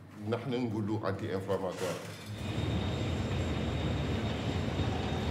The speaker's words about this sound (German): Zur gleichen Zeit wird das Eisenerz aus dem Zug entladen.